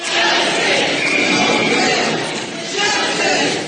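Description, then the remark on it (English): A large crowd of many voices shouts together at a protest, chanting "justice for Nolan Wells" after his family released the results of an independent autopsy, a loud, dense wash of voices that dips briefly toward the end before surging again. “You're hearing the crowd gathered earlier today chanting justice for Nolan Wells after his family released the results of an independent autopsy.”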